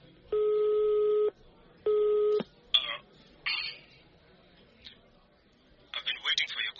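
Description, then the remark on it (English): A woman phones a man. The call rings through an earpiece: two long, steady electronic ring tones separated by a short pause, followed by brief, muffled bursts of sound that may be a voice answering. “takes out her phone and calls the number of the man who claimed to be …”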